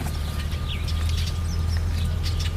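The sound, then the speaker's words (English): Scattered bird chirps and short calls, fairly faint, from backyard birds in the Box Canyon, where warblers, mallards and red-winged blackbirds live, over a steady low outdoor rumble, with no talking. “But there are warblers and mallards and red-winged blackbirds, and all kinds of birds sharing our backyard here in the Box Canyon.”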